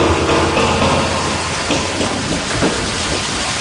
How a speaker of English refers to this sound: We're filling the tank. We just got the first bit of water going in.